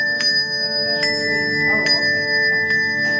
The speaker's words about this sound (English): Ring Sarasota isn't your typical church bell group. The ensemble plays themed shows to popular hits.